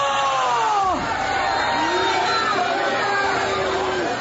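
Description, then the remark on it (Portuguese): An audience shouting together during an exorcism, crying out for Jesus to burn a demon: a loud continuous roar of many voices with long sweeping wails that fall and rise in pitch, overlapping throughout without pause. “Vão gritando para Jesus queimar.”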